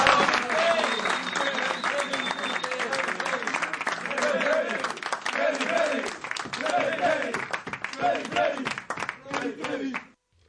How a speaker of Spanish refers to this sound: Entonces, bueno, aquí les voy a dar un aplauso porque se lo merecen. ¡Bravo!